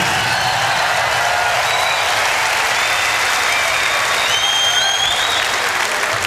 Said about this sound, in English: but I'd like you also to give another big round of applause to Michael Kamen, because this is what it's all about.